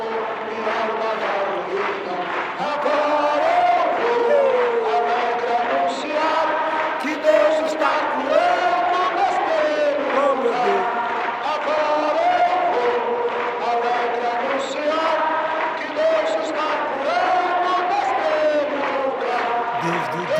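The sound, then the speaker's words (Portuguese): A large audience of the Deus é Amor church sings choruses together in unison, many voices blending into a full, steady, rhythmic hymn-like melody that fills the space without pause. “É a marca da igreja Deus e Amor, os corinhos, com a multidão.”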